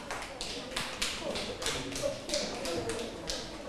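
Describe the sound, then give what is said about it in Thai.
A group of students in a class claps for group 4 together in a steady, fairly even rhythm, the sharp bursts repeating every fraction of a second for several seconds at moderate loudness, with faint murmuring underneath. “ถ้าเห็นด้วยกับเพื่อนนะคะก็ปรบมือให้กับกลุ่ม4ด้วยค่ะ”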